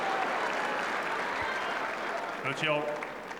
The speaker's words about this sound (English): An expectant centre court crowd here enjoying this tussle, but misses that second serve.